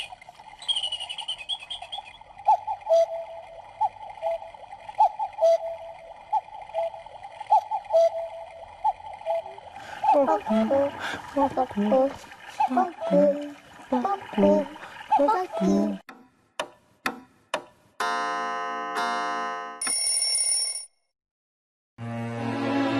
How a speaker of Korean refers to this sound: 이 시계는 네. 집 모양 시계야. 집 모양 근데 시계. 정확한 명칭은 뻐꾸기 시계야. 이 집에는 누가 사는지 소리 한번 들어볼래? 네. 좋아. 자, 어떤 소리가 날까?